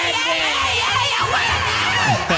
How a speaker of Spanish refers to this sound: Y ahora es que con más ganas es que yo voy a gritar.